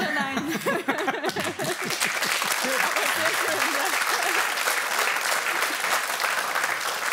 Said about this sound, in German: der Applaus ist pure Erleichterung, dass du den Satz zu Ende gebracht hast.